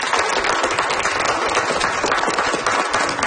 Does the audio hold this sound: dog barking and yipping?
no